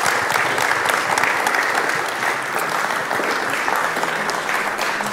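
Sustained audience applause, a dense steady clatter of many hands clapping at an even loudness throughout, with no clear speech over it.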